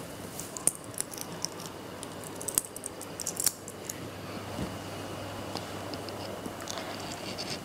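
Coins are handled and counted up close, giving scattered light metallic clinks and clicks at an irregular pace over a quiet, steady background hiss, with no talking.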